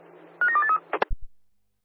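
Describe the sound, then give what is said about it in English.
A brief burst of electronic radio dispatch alarm tones for Rockingham air base, a few quick stepped beeps over a faint hiss, followed by a couple of sharp clicks and a low thump before silence. “You're Rockingham, we got the alarm.”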